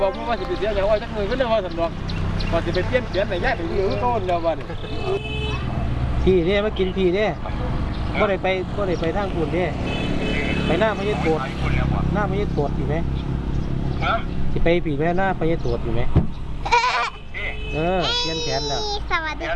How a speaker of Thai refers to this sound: เจ็ดโมงเช้ามาถึงพร้อมกับเสียงเครื่องยนต์ของรถกระบะ 2-3 คันพ่อแม่พี่น้องและเด็กๆจำนวนหนึ่งต่างถือเครื่องมือหาปลาและเสบียงมาพร้อมออกเดินทาง